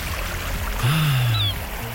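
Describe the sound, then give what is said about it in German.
Steady rushing surf fills the background, and midway through a single drawn-out gull cry rises and fades over the waves. No voices are heard. “Die Wellen. Und die Möwen, wenn Sie das alles bei uns hören, dann ganz schnell”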